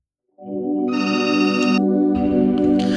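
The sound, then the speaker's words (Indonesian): A telephone rings with the first incoming call of the night to the Ruang Rindu radio show's phone line, a loud, steady electronic tone starting after a brief silence and sustained for a few seconds with no talking. “Baik, kita sapa penelpon pertama kita malam hari ini.”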